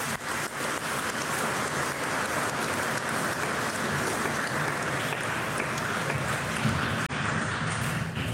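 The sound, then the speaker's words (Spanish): Sustained applause from an audience at a Catholic service, given for the Divine Savior of the World: a dense steady wash of many hands clapping at once, fairly loud and continuous for the whole stretch with no voices above it. “Un aplauso al divino Salvador del mundo.”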